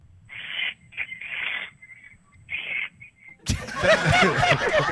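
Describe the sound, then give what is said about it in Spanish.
Three raspy, hissing barn owl screeches, the middle one longest, fairly loud, followed by a sudden burst of loud, broad noise. “¡Ahora viene la lechuza! ¡La lechuza, vamos!”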